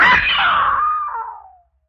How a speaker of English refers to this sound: Yeah. I screamed. What good was that?